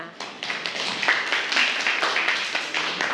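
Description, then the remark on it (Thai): A group breaks into steady applause for a representative, many overlapping hand claps forming a dense, crackling wash that holds at an even, fairly loud level for about three seconds. “ค่ะปรบมือให้กับตัวแทนด้วยค่ะ”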